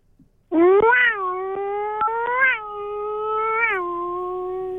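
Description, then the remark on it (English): A voice imitates a Formula One engine revving: a loud, buzzy drone that surges upward in pitch several times before settling, sustained for about four seconds with no talking. “Let's hear your best rev noise.”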